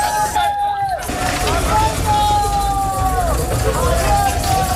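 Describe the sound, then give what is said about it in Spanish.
A busy outdoor crowd hubbub of many voices at night over the steady low rumble of heavy army truck engines as the army carries migrants to the Tarajal border, with occasional drawn-out calls or whistle-like tones rising above the din throughout. “Anoche el ejército seguía trasladando en camiones a inmigrantes a la frontera del Tarajal. Mira, y se van llenos.”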